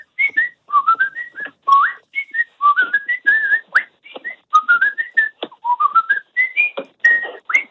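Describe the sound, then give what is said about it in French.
A man whistles a high, lively soprano melody, with quick notes that repeatedly slide upward in short rising phrases, steady and fairly loud for several seconds with no talking. “Je vous fais un soprano.”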